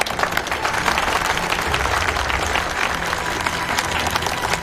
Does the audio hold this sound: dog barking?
no